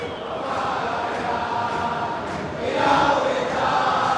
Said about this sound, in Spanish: Acompasadamente alientan los hinchas de Boca, que gana 1-0 con gol de Merentiel.